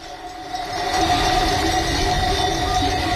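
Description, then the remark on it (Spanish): A dense, continuous jangle of many cowbells from a livestock herd moving during transhumance, driven from the summer mountain pastures down to the valleys, ringing together into a loud metallic wash over a low rumbling shuffle, swelling slightly in the first second and then holding steady. “Es una mezcla de cencerros y también, si afinamos bien el oído, habrá por ahí algún perro.”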